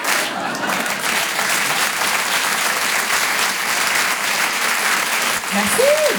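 Sustained audience applause for a live song performance at the Grand Coin Virgule in Paris, a dense, steady wash of clapping at an even loudness for several seconds, with a brief rising tone near the end.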